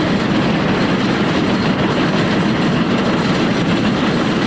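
A subway train rumbles past about 10 feet overhead, a loud, steady roar of wheels and heavy low-frequency noise that fills the whole stretch without letting up. No one speaks.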